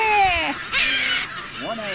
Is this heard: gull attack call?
yes